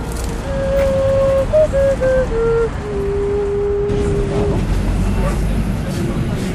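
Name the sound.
bus arriving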